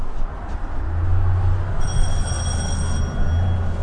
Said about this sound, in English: We greet people always right at the door in the entryway. We have that very loud bell in case this is not an expected visit from someone.